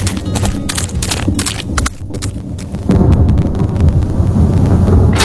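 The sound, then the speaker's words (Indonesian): Deep, rolling thunder rumbles loudly as rain approaches, with no voices, starting with a series of sharp cracks and swelling into a heavier, sustained roar halfway through. “Sepertinya ini akan segera turun hujan, Indo.”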